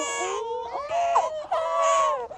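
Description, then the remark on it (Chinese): A baby wails loudly in long, rising and falling cries with a brief catch of breath midway, continuing with no other voices. “哎呀，宝宝啊，不哭不哭不哭不哭。”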